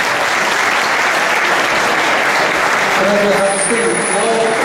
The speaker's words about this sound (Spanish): Un aplauso fuerte